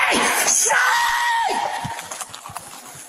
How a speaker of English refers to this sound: He's shouting